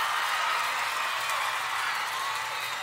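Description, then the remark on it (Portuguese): Sustained audience applause at a DVD recording show, a dense, steady wash of many hands clapping at an even loudness throughout, with no voices standing out above it. “Salve de palmas para todas as minhas fãs lindas, maravilhosas e cheirosas.”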